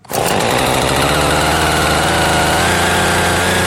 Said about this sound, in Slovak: Kúpeľným parkom, ktorý býva oázou pokoja a spevu vtákov, sa dnes ozýval zvuk pílí. Tá sa postupne zarezávala do prvých stromov